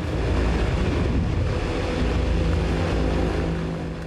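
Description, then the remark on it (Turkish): A small airplane's engine drones steadily and loudly as it taxis back onto the runway in a howling crosswind, a low humming tone wrapped in a constant rushing roar of wind, with no voices. “Ben uçağı geri yürüterek yeniden uluyan rüzgarlara götürdü.”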